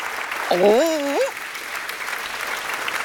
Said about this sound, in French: Mon doudou est là, en tutu, sur la scène de l'opéra. Il salue le public sous un tonnerre d'applaudissements.